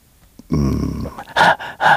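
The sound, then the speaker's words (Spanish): A voice imitates the heavy breathing of someone running, heard in a UFO video released by the White House: a low, voiced groan-like exhale followed by two loud, harsh, breathy huffs in quick succession, with no words spoken. “Así una respiración fuerte, y alguien corriendo.”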